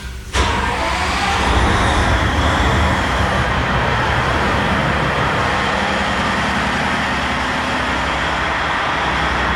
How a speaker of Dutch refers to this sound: Zo, de motor wordt hier net opgestart van het binnenvaartschip Ronin.